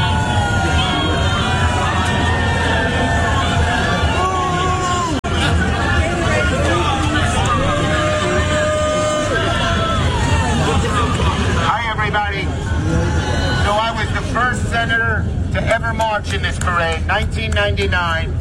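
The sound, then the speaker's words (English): A large outdoor crowd at a Pride Parade boos a New York senator loudly and continuously, a dense wall of jeering voices with scattered shouts rising above it for the whole stretch. “I mean, if you are a senator from New York, you're the leader of the Democrat Party and you are getting booed at the Pride Parade, that does not bode well.”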